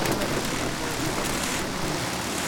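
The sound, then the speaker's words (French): A river flows steadily beside a small town in the Alps on a summer late afternoon, its water making a continuous, even rushing hiss with a bright, splashy texture and no pauses or voices. “Je suis au bord d'une rivière en fin d'après-midi dans une petite ville des Alpes. À part le son de l'eau et quelques oiseaux, je n'entends rien de particulier.”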